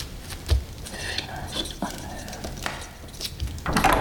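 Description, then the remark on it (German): A door opens with a low thump and a creaking rush of movement, followed by a few scattered knocks and shuffling noises, and a louder burst near the end. “Tür zu!”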